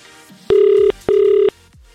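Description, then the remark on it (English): An outgoing call's ringback tone on a phone call to a Gold Rush competition winner: a steady electronic double burst, two short buzzing rings in quick succession, clear and fairly loud over a faint background, with no one speaking. “That is all I want to hear from whoever gets this phone call.”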